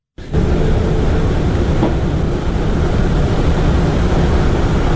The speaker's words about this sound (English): Two days before Te Waihoretu station reveals itself to Aucklanders, the station is filled with only the sounds of howling wind and the footsteps of security patrols.